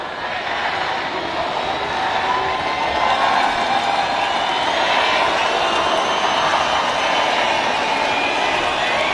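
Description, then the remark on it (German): A huge crowd of about 15,000 ravers sings Happy Birthday together to a techno artist, thousands of voices blurring into a loud, steady, roaring wash that holds at an even level throughout. “Zu hören waren 15.000 Raver, die gleichzeitig der Techno-Queen … ein Geburtstagsständchen geträllert haben.”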